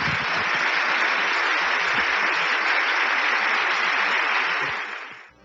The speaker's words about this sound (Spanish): Démosle un aplauso